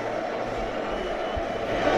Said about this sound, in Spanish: Ahí lo tenemos, gritos de Depor, Depor.